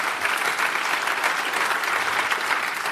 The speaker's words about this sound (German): Dein Applaus natürlich auch nochmal.